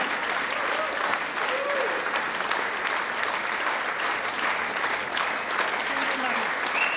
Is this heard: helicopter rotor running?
no